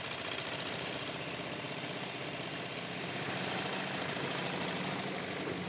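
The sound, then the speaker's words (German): The engine of an old, rusty pram ferry crossing the water in wind and strong current runs continuously, a steady rumble with a dense, knocking mechanical chatter and constant hiss, loud and unchanging throughout with no voices. “Schon gar nicht auf solch einer alten Pramfähre bei Wind und starker Strömung.”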